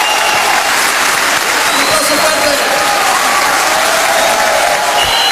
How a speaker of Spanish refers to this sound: aplauso para …, que nos invitó a nosotros nuevos. Muchas gracias, ….